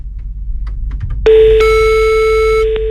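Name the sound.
telephone ringing tone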